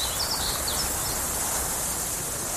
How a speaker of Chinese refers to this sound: 草原，大海。如果有一天，这些美好的声音突然消失，为了守住这些美好的声音，热爱大自然，呵护地球家。